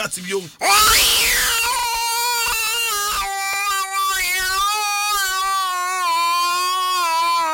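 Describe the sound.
A person imitates a cat with one long, drawn-out meow, loud, rising sharply at the start and then holding a steady, whiny wail for several seconds.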